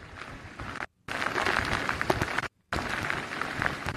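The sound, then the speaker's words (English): Storm wind and heavy rain in Walton County, Florida make a loud, dense roaring hiss with scattered crackling bursts, with trees blowing from side to side. The sound stays steady but drops out completely twice for a brief moment. “The winds are picking up. The rain is picking up.”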